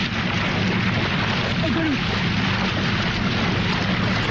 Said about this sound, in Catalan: O sigui, aquest xipolleig és ell dins l'aigua abraçant un cocodril, eh? De nit. De nit, eh? A Austràlia.